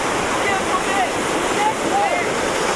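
A steady, loud wash of ocean surf fills the whole stretch, a dense rushing roar with no breaks between waves, as if standing right at the water's edge.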